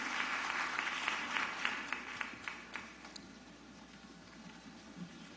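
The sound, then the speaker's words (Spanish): An audience applauds the National Children's Choir of Peru (Coro Nacional de Niños del Perú), the clapping dense and steady at first, then thinning into a few scattered claps that fade out toward the end. “Aplauso cerrado para ellos.”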